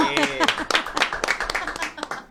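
A studio audience of a television show claps loudly and steadily for a couple of seconds as a co-host is introduced. Voices and cheering rise through the clapping, strongest at the start.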